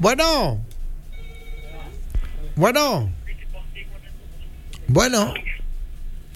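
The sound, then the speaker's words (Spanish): A telephone rings for an incoming call, three bright warbling tones that rise and fall, evenly spaced about two seconds apart, loud over a quiet background. “Pásame la otra llamada, mijo, por favor.”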